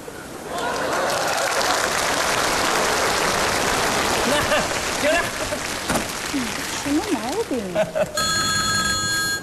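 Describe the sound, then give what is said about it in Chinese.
A telephone rings near the end, a bright, steady electronic tone: a night-shift taxi driver's call to his home phone, meant to ring three times. It cuts in after several seconds of loud applause-like crowd noise, with a brief voice rising through the clapping just before. “哎，你别误会啊，俺老婆不接，只要俺家的电话响三声，俺老婆就知道我在外边平安了。”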